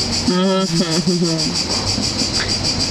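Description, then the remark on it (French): Crickets chirp in a steady, rapid, high-pitched pulse that runs constantly throughout, while a brief tonal voice-like sound rises over them near the start. “C'est très esthétique, les grillons.”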